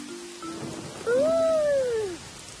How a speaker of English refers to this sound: That was thunder. Oh, let's get inside before it starts to rain. The thunderstorm has brought a lot of rain.